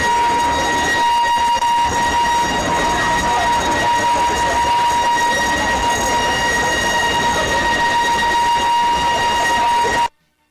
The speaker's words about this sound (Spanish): Ahí está la alarma que daban en el pueblo por el tema del temblor o el terremoto que se está dando.